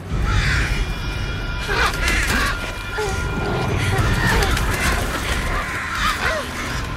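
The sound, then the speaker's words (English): A dense flock of crows caws and screeches nonstop as it attacks a person, pecking and clawing, harsh calls piling over one another amid flapping, thuds and scuffling, loud and chaotic throughout. “Triss struggles to escape as the stream of birds begins to attack her.”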